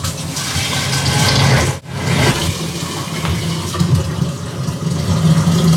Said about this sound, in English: Next, I have to fill it up to the black line inside with hot water. So let's get that done.